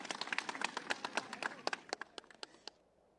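A crowd's applause of approval at an event in Peru as the president hands over a contract, dense and energetic at first, then thinning into a few scattered, sharp claps before stopping, with a brief quiet tail at the end.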